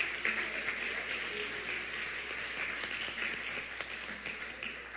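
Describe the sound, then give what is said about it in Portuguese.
A crowd applauds the Lord during a sermon, steadily for several seconds, a dense wash of many hands clapping at once, fairly loud and sustained without pause, with no voices standing out. “Você quer aplaudir ao Senhor?”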